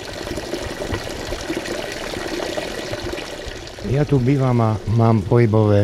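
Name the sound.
water pouring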